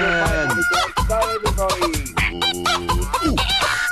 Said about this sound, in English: It's the birds. Oh, the birds. The birds.